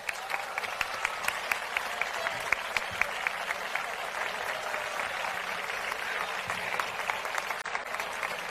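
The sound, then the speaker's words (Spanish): Sustained applause from an audience welcoming the newly announced representative of the Feria del Carmen y de la Sal 2026. Dense clapping at a steady level throughout, with a few sharper individual claps standing out near the start, and no talking over it. “Recibimos, por favor, con un fuerte aplauso y con todo nuestro cariño”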